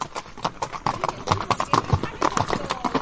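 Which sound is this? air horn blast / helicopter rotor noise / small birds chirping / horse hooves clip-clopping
horse hooves clip-clopping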